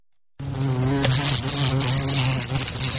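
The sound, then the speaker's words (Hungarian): A steady insect buzz of wasps coming out of a house ceiling starts after a short silence and drones on continuously, the low hum wavering slightly like several wasps flying together, with no talking. “Ott ugyanúgy jön ki a darázs, de hál' Istennek itt még keményebb a plafon.”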